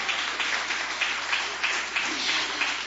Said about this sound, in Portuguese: Pode bater palmas e dar glórias.